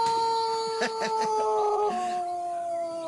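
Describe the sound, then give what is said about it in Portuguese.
A rooster, called the "nervous rooster", crows in one long, strained, high-pitched call, held steady and then stepping down in pitch near the end, with a few short choppy pulses early on. “Olha o galo nervoso. Esse galo aí tá nervoso mesmo”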